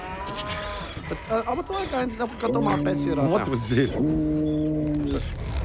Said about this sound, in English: What was this? Oh, that's my moose. I'm sorry, sir. You cannot bring your moose to Changhua Town.